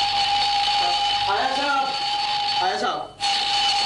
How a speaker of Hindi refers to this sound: अबे good morning के लगते अलार्म बंद कर, ये आज अलार्म क्यों लगाया है? आज इतवार है और तुझे मालूम है छुट्टी के दिन मैं इतनी जल्दी नहीं उठता।